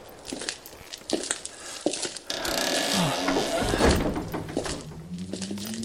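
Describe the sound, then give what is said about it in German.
A heavy wooden church door is forced open: a few dull, uneven thumps and bangs, then a long, loud grinding scrape with low creaking groans as it drags wide. “Diese verdammte Tür.”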